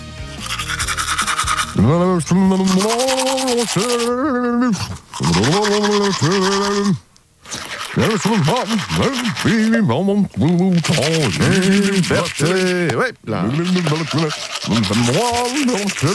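Someone sings a muffled, warbling tune while brushing their teeth up close, the bristles scrubbing steadily under the melody, broken by a couple of brief pauses.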